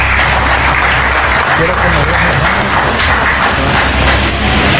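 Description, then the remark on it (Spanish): A crowd breaks into loud, sustained applause at the 191st anniversary celebration in Juticalpa, Olancho, welcoming mayor Walner Castro; dense clapping blends into a steady roar that holds at full strength for about five seconds without letting up. “Fuertes los aplausos.”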